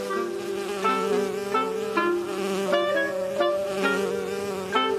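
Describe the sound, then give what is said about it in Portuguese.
A bee buzzes around a flower, landing on it, in a steady, droning hum whose pitch wavers and swells several times as it moves around, with no voices. “Bom, agora a abelha tá descansando e cheirando pra ver se a flor é gostosa.”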